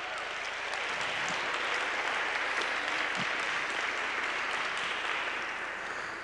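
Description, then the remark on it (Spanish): A crowd applauds steadily for several seconds for a volunteer from the audience coming up to play music, a dense wash of many hands clapping at an even, sustained loudness with no voices standing out, tapering slightly at the end. “Ah, por favor, un aplauso.”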